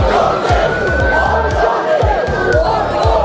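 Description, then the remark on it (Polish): A loud, dense crowd shouts and yells continuously during an evening riot in Southampton, UK. A steady high whistling tone runs through the din, while regular low thumps pulse underneath about twice a second. “Do takich zamieszek doszło wieczorem w Southampton, a premier Wielkiej Brytanii Keir Starmer zapowiedział wyjaśnianie działań policji.”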